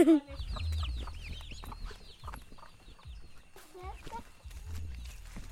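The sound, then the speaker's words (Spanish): A hen clucks low among a busy flurry of high, rapid peeps from chicks and young turkeys as they eat, continuous, over a steady low rumble of outdoor background noise. “Hay una gallina y unos pollitos y unos pavitos.”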